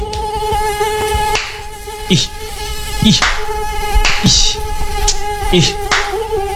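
A steady whining drone of many mosquitoes buzzing continuously, punctuated by several sharp slapping or tapping sounds at irregular intervals, with no one speaking.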